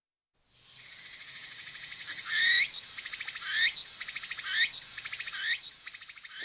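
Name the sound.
cricket chirping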